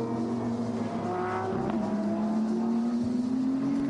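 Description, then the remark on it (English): Race car engines drone loudly and continuously during a qualifying session, a buzzing harmonic whine that dips briefly midway and then climbs steadily in pitch as the cars accelerate. No one speaks. “It doesn't necessarily count for so much, because they're going to park these cars, we're going to put new tyres on them, install new drivers, and go for qualifying number two.”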